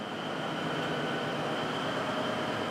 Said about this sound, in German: 5, 6, 7 Sekunden warten, was der Zug so macht. Ob wir dann noch mehr bremsen müssen oder wieder loslassen können. Geht alles sehr gemächlich bei der Eisenbahn.